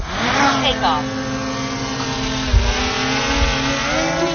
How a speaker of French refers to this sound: Le petit drone est posé au sol, il s'envole vers le ciel.